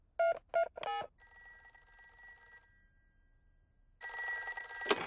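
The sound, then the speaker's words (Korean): Three quick electronic beeps, like a number being dialed, followed by two bursts of a bright, trilling telephone ring separated by a short pause, as a call is placed to an animal hospital. Clear, with no talking. “동물병원에 전화해봐야겠다.”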